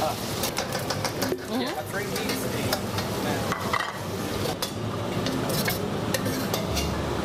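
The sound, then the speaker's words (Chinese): Steady, loud sizzling of fatty pork stir-frying in a pan at a Sichuan cooking class, the fat being rendered out, broken by quick clacks and scrapes of a spatula tossing the meat, with a voice talking faintly underneath. “把肥的一部分的油脂给炒出来，这样吃上去就不会特别腻。”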